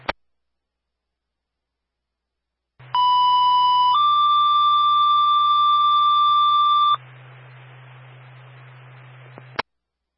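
Springfield radio dispatch alert tones for Engine 3 to an alarm sounding at 266 Valley Street: after a brief click and a pause, a loud steady tone sounds for about a second, then steps up to a slightly higher pitch and holds for three more seconds before dropping into static hiss that cuts off.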